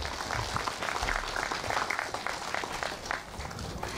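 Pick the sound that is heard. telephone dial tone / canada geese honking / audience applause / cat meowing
audience applause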